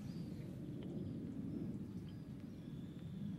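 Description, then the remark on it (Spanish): A person imitates a pig, producing a steady, low, rumbling grunt that continues for a few seconds, with no words spoken. “A ver, repítame el cerdo, repítame.”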